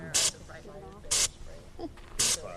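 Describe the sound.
Three short, loud hissing blasts of bear spray fire from a canister at a fake bear painted on plywood during practice in Petersburg, Alaska, at roughly one-second intervals, with people talking quietly between and beneath the bursts.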